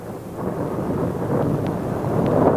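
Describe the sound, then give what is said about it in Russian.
A deep, continuous rumble of thunder rolls on without break, swelling slightly louder toward the end, with no voices over it. “Сквозь гром и звук трубы прозвучал голос Божий.”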